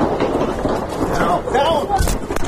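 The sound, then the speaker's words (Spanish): A couple of sharp, loud gunshots crack out nearby near the end during an ABC News journalist's live broadcast, over a noisy, rumbling background with a voice briefly audible. “Este es el momento en el que una periodista de ABC News corta su retransmisión y se tira al suelo para resguardarse ante la cercanía del sonido de los disparos.”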